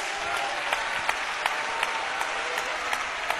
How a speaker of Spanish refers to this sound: ¿Cuánto le dan un aplauso a la gloria de Dios?